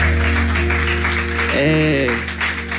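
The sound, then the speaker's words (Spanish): An audience at a singer's live music performance applauding, a dense steady wash of many hands clapping that holds for the whole stretch, with a sustained voice-like tone rising briefly over it midway. “No aplaudan.”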